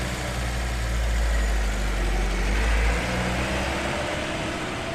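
A transport van's engine rumbles loudly at idle, then the deep drone shifts partway through as the van pulls away from a camp carrying a prisoner, with steady road noise continuing. No voices.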